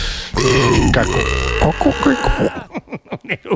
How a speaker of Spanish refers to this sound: Un eructo horrible. Ya, perdónenos por favor.